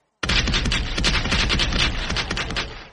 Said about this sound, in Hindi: General के आदेश पर अंधाधुंध गोलियां बरसना शुरू हो गईं। बंदूकों का रुख उस ओर था जहां भीड़ ज्यादा थी। 10 मिनट तक चली गोलीबारी में उन 4 गलियारों को भी निशाना बनाया गया था जहां से लोग भागने की कोशिश कर रहे थे।